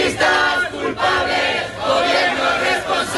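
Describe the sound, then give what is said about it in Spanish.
A crowd of about 1,500 people at a housing protest march in Logroño, called by the Sindicato de Vivienda against evictions and property speculation, shouts and chants together in loud, continuous waves of many overlapping voices, swelling and dipping slightly in a rough rhythm without pause. “Estos fueron los gritos de una manifestación multitudinaria en Logroño con cerca de 1.500 personas que, convocadas por el Sindicato de Vivienda, reclamaron el final de los desahucios y la especulación inmobiliaria.”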